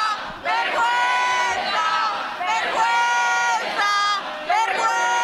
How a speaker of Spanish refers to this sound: Se están preparando, se están colocando. En la primera conexión te decían que venían solo por una parte de la calle. Ahora mismo están gritando a los policías, no sé si podéis escucharlo.